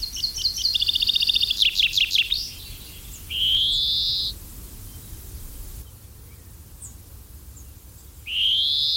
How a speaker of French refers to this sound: Et voilà encore un oiseau qui, j'en ai une sale impression, est en train de se casser la figure complètement, c'est le pinson des arbres